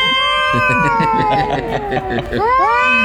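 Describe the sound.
A person vocally imitates a cat fight with loud, drawn-out yowls that slowly sag in pitch and then swoop sharply upward into a shrill wail near the end.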